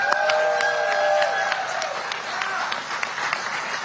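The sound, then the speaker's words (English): A crowd applauds the speaker's campaign team steadily, many hands clapping in a dense, fairly loud patter, with a brief sustained tone at the start that fades under the clapping. “I want to thank my team back here, and this is some of them here. Round of applause.”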